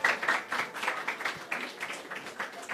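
A short burst of applause from a small group, steady dense clapping that holds at an even level for a few seconds with no voices over it.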